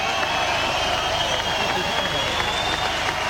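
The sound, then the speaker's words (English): A steady wash of outdoor crowd applause at a medal ceremony as a bronze medal for Australia is presented by Australian IOC member Phil Coles, dense and continuous clapping at an even loudness throughout, with faint voices mixed into the noise. “That's the crowd that I could see. It's a good crowd, the outdoor setup.”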